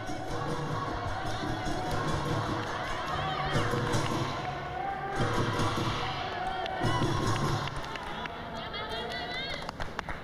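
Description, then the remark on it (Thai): A crowd of home supporters of the Ratchaburi sepak takraw club cheers and shouts loudly and steadily at a sepak takraw match, their side leading 6-1 early in the game, with bursts swelling and fading over the roar, while a commentator's voice talks over the noise. “โอ้โหตอนนี้ถูกใจกองเชียร์ทางฝั่งของสโมสรตะกร้อราชบุรีแล้วครับต้นเกมขึ้นนำไป6ต่อ1ครับ”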